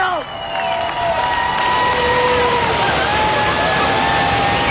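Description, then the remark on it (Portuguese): Football fans, not only Portuguese, applaud and cheer as the Portugal national team bus departs, in a loud, dense, continuous crowd roar, with a few sustained tonal whistles or horns sliding over the noise throughout. “E é neste preciso momento, aplausos dos adeptos aqui, não só portugueses, mas também aqui presentes.”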